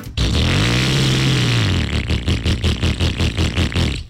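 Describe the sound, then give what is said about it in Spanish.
A motorcycle engine roars, its pitch climbing and then dropping, before settling into a fast, rhythmic throbbing pulse, loud and with no voices. “No, pero esa no. Acelera tu nueva AKT Motos.”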